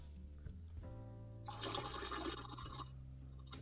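Someone urinating: a steady splashing trickle of liquid rises suddenly, holds for about a second and a half, then cuts off, over a low constant hum. No one speaks.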